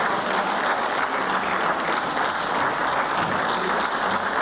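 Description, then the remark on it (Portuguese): Steady, sustained applause from many hands in a parliament chamber, including from the government bench, for a speech: a dense crackling wash of clapping that holds at an even level for several seconds with no voices standing out. “Aplausos também da bancada do Governo a esta intervenção.”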